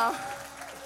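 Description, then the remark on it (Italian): A brief wash of audience applause, a steady, dense patter of many hands clapping at once, with a faint voice-like tone at the very start. “Per favore, dovete estendere questo applauso a Joe Fantini.”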